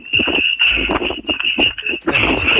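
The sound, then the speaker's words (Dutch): Rhythmic footfalls thud steadily, mixed with heavy breathing from a runner of team 282, the Delta Runners, running while on a phone call, over a constant high-pitched whine in the background. “En het lijkt erop alsof jij aan het rennen bent.”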